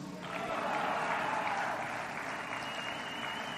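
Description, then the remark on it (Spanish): An audience applauds the Secretary of Public Education, Mario Delgado Carrillo, clapping steadily for several seconds, a dense, even wash of many hands that swells quickly at the start and holds at a fairly loud level without pause or talk. “Un aplauso a Mario Delgado Carrillo, amigo secretario.”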